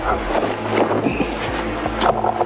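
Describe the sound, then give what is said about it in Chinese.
A reconnaissance drone's steady, droning motor hum hangs overhead above a forest, with wind buffeting the microphone, swelling louder and softer as it comes nearer and farther while hovering; nobody speaks. “就是你在这里可以听到无人机在上空盘旋，它那个马达声忽远忽近的时候就会有一种这个抑制不住的这个紧张感。”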